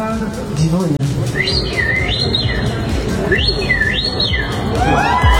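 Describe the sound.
A person whistles an imitation of birdsong at a past edition of the Polish Championship in bird imitation, two rising-and-falling warbled phrases repeated clearly over a busy background of crowd murmur and noise.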